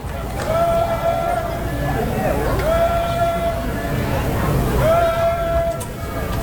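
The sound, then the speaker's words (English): A lone fan chants three drawn-out, high-pitched calls in a steady rhythm, each rising clearly above the constant murmur of a ballpark crowd during a baseball game, as Sneed pitches to Palma. “Chance of Kirby from the crowd. Or I should say from one person.”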